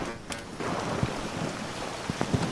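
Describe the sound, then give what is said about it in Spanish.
Heavy rain pours down in a steady, dense roar at a race finish line, with scattered sharp knocks and taps standing out as hailstones strike hard surfaces, a torrent of water and hailstones running downhill. No voices are heard. “estamos en la cabina, en el camión, en la cabina de transmisión de la cadena SER, pero es que ver las imágenes es una riada de agua y de bolas de granizo las que están circulando hacia abajo, bueno, en esta línea de meta.”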